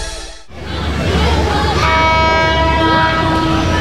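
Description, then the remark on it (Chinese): A train roars past at Shengxin (圣心) Station with a loud, steady rumbling clatter, and partway through a long, sustained horn blast rings out in several steady tones over the noise. “这样的声音在现在的圣心车站已经听不见，好多从前的画面像是随着列车经过隧道开进了记忆里。”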